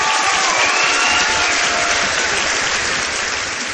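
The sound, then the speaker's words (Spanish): Loud, sustained applause from a crowd, a dense wash of many hands clapping steadily for several seconds with faint cheering mixed in, easing off only slightly toward the end. “Oye, que te despedimos como te hemos recibido, con un fortísimo aplauso.”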